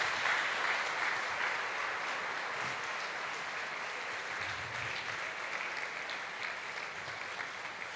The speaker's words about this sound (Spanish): Y esta belleza de hombre que tenemos aquí, que pido que le demos un aplauso al cielo por el Papa Francisco.